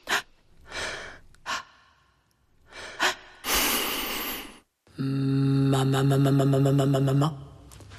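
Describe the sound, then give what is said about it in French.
Audible breaths in and out come in a loose rhythm, one long noisy exhale among them, followed by a sustained, pulsing musical tone for the last few seconds. No talking. “Rythme, respiration.”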